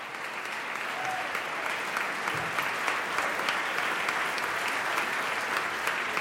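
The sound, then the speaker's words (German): Sustained, dense applause from an enthusiastic premiere audience for the members of the chamber choir of the University of Göttingen, steady throughout with many hands clapping at once and no voices standing out. “Ein begeistertes Premierenpublikum. Applaus gibt es jetzt für die Mitglieder des Kammerchors der Universität Göttingen.”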